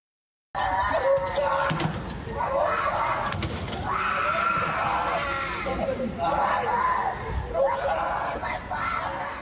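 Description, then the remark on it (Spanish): A girl in Ukraine screams and wails loudly and continuously as recruitment-centre agents try to take her father away by force, amid a chaotic scuffle with other voices shouting, crowd commotion and occasional thumps. “Veíamos esas imágenes de una niña gritando mientras agentes de un centro de reclutamiento intentan llevarse a su padre a la fuerza.”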